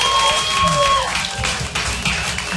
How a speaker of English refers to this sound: Mom and Dad, how many proud parents do we have? Clap it up. We have proud parents.